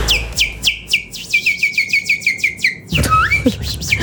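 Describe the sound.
A man, a boss, whistles a quick, birdlike song: a rapid run of about a dozen bright, evenly spaced chirping notes, then a few sliding tweets, over a low background rumble.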